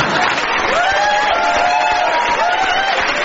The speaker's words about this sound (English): Nothing but applause.